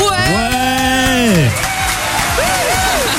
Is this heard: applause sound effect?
yes